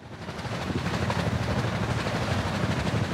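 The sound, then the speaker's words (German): Underwater noise of propeller-driven ships in the sea: a dense, steady low rumble with a faint rhythmic throbbing running through it, continuous and fairly loud with no voices. “Seit der Erfindung propellerbetriebener Schiffe vor 150 Jahren hat sich der Lärm in unseren Meeren stetig erhöht.”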